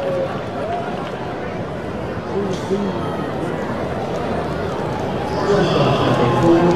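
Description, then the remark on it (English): A baseball crowd cheers for Cole Young after he slides in safely with a double, a steady, dense roar that swells louder toward the end, with scattered shouts and murmuring mixed in. “And you can hear his cheering section.”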